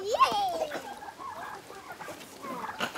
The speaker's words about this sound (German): Wie heißen denn die Hühner? Oh, die haben nicht alle einen Namen, dafür sind es zu viele.